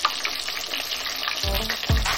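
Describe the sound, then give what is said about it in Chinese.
Battered chicken tendons deep-frying in hot oil until golden on both sides, a dense, steady crackle and sizzle throughout, with a couple of low thuds and bubbling surges near the end as pieces shift in the pot. “裹好糊的鸡脚筋下油锅炸至两面金黄”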